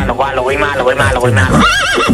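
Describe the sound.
A person imitates a horse whinny, a loud, wavering voiced neigh rising and falling for a couple of seconds, ending in a higher quavering trill, on the Metropolis 95.5 radio show.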